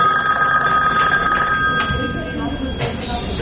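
A telephone at a post office rings with a steady, bright electronic tone that sustains across the moment, heard over a busy background murmur and faint clatter as heavy packages are loaded into a mail van.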